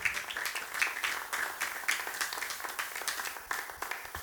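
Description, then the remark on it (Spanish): A church audience claps for the Lord in a steady, dense patter of many overlapping claps that continues for several seconds, fairly quiet overall, with no one speaking. “Amén, démosle palmas al Señor si usted está aceptando.”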